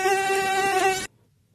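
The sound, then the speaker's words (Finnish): A voice imitates a mosquito's whine: a steady, nasal, high buzzing tone held for about a second, loud, then cutting off abruptly into near silence. “Tää on tämmönen pätkivä hyttynen.”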